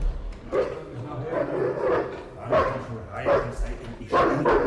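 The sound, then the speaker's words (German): A bloodhound barks over and over, loud, its deep, baying barks coming in an uneven rhythm of about six bursts against a murky outdoor background, as local men search the beach for someone. “Sie haben den Bluthund dabei.”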